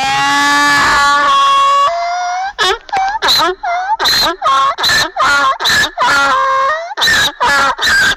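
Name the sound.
donkey braying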